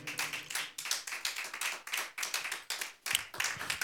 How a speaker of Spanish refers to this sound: Démosle palmas al Señor, amén.